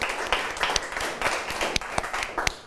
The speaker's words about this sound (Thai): ปรบมือให้กับเพื่อนด้วยนะครับนักเรียน